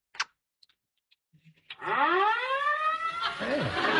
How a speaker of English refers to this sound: It sounds like they're very close in our street. Can't you hear them? Hear what? The fire engines.